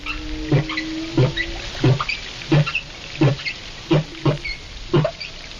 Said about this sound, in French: Et on commence avec la baleine.